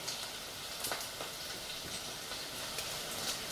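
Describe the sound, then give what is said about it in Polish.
Roasted chicken sizzling steadily in a hot pan as it finishes cooking, a dense crackling hiss with scattered sharper pops, continuous throughout with no talking. “I to świadczy o tym, że kurczak jest już upieczony, bo tak to on sobie tak jakby lekko szumi, a kiedy jest gotowy, zaczyna sobie już tak po prostu skwierczeć.”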